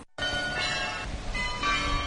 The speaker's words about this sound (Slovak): To, čo počujeme, je zvonkohra, ktorá už patrí ku koloritu Košíc. Už asi 10 rokov každú hodinu počujeme nejakú inú melódiu. Vyberá si jednu zo 100 melódií a obveseluje vlastne hlavnú ulicu.